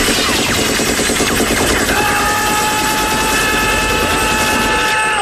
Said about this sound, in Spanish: Es que esas ráfagas podían durar una eternidad y no quedaba uno vivo.